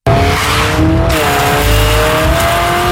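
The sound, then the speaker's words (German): The engine of a new Honda Civic Hybrid pulls hard and steadily under acceleration, its droning tone climbing, then briefly dropping and rising again as a gear change of its virtual S+ Shift transmission cuts in. It is loud and continuous, with no voices. “Ich könnte Ihnen genau erklären, wie das virtuelle S-Plus-Shift-Getriebe im neuen Honda Civic Hybrid funktioniert.”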